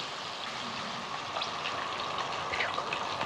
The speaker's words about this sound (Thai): เอาละค่ะ ครับ เราทอดปลาได้แล้วจากนั้นค่ะ